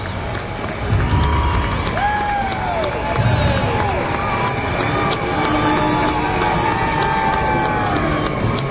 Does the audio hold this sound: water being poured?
no